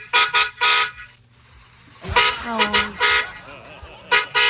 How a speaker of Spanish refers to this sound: Por el carro. Ay, otro pitico.